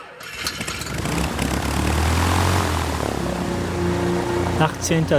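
The propeller engines of a waiting DC-6 airliner at Leopoldville, Congo, on September 18, 1961, as UN Secretary-General Dag Hammarskjöld boards, drone loudly, a deep, steady harmonic rumble that swells within the first second and holds for several seconds, with a faint rising whine near the end.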